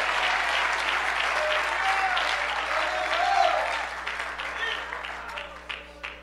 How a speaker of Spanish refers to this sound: Alguien le da un fuerte aplauso en agradecimiento a ese Dios.